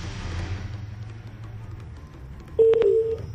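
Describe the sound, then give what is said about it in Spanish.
A quiet low rumble gives way near the end to a loud, steady run of telephone keypad tones as a listener's number is dialed on Olímpica Estéreo radio for a motorcycle giveaway with Suzuki, lasting about half a second with a slight shift in pitch. “vamos a marcarle a un oyente a ver si se gana la posibilidad de tener una moto”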